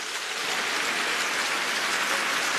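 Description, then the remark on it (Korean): Steady, dense audience applause, a continuous crackling wash of many hands clapping at an even level throughout, with no voices, given in thanks to the Iksan, Gunsan and Jeonju operating committees and the operating committee members of 13 branches nationwide, at an event held in Iksan. “여러분 감사의 박수를 부탁드립니다.”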